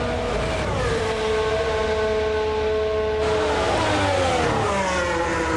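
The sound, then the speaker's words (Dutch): A race car accelerates out of a corner with a bit of wheelspin, its rear tyres slipping for lack of grip at the back; its loud engine whines steadily before the pitch climbs sharply as it powers away. No one speaks. “beetje wielspin. He, achterbanden die een beetje doorslaan.”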